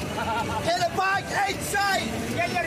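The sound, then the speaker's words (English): A crowd of Scottish fans chants and sings together in a loose, rowdy rhythm aboard a moving bus driving up Interstate 95 toward Gillette Stadium in Foxborough, with a steady engine rumble underneath and bursts of shouting rising over the group. “The beers flow, the chants are constant, flags wave out the windows as we drive up Interstate 95.”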